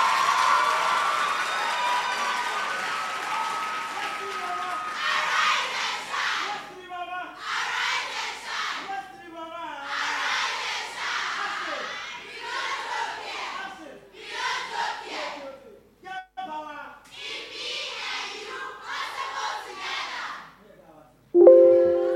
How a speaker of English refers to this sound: This is the time. You want to clap, clap. You want to make noise, make the noise.